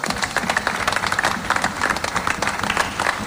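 Sustained applause from an audience, many hands clapping densely and steadily throughout, fairly close and moderately loud, with a faint murmur of crowd voices underneath.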